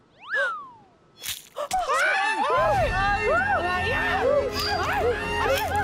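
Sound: cat meowing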